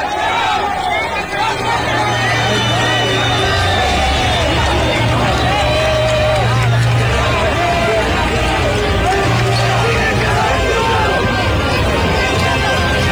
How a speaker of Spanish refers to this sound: Y ya al final pues la extraen y de esta manera todo el mundo sueltan aplausos y coloquémosle ahí sí volumen al video porque quiero que sucedamos esta celebración, este júbilo de alegría.